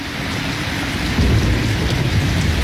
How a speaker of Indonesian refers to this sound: Sore ini hujan begitu deras.